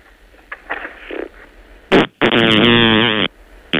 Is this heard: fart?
yes